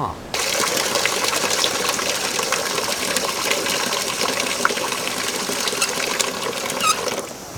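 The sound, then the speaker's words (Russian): Water gushes steadily into a bucket, a loud, continuous rushing splash that starts abruptly and runs without pause, filling the whole stretch. “Воды мало. Одного ведра хватит? Я принесу.”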